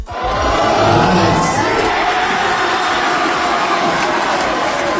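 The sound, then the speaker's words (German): A large crowd roars and cheers continuously for several seconds at a football World Cup public viewing in the darkened Emmauskirche church in Köln-Vogelsang, shown on a 3-metre screen with a sound system; a loud, dense wash of shouting voices that swells early and then holds steady without pause. “Vielleicht sogar in einer Kirche, ja, im abgedunkelten Kirchenraum mit einer 3 Meter großen Leinwand mit einer vernünftigen Soundanlage. Das gibt es seit der Fußball-WM 2010 in der Emmauskirche in Köln-Vogelsang.”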